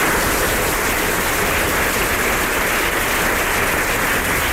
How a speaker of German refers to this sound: Deswegen finde ich, haben sie einen kräftigen Applaus verdient.